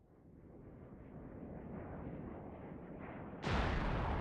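A deep, steady roar of a fighter plane swells for a few seconds, then a sudden, loud explosion bursts in near the end and keeps blasting harshly as the pilot's cannon fire shoots down an enemy aircraft. No one speaks.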